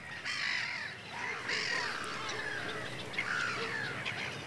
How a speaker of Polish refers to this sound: Przed chwilą próbowała nas mewa srebrzysta przegonić stąd, robiąc takie naloty na nas, strasząc.